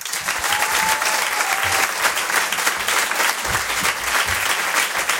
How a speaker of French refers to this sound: Il se revendique comme le cow-boy du stand-up. Je vous demande de réserver un tonnerre d'applaudissements, s'il vous plaît, à Patson.